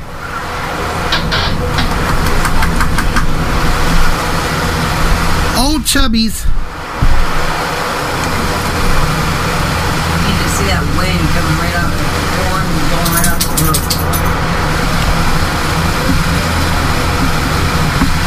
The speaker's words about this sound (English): Is it a hard rain or a light rain? It's coming down with wind. Because I've got my Android recording too. Wind picking up too.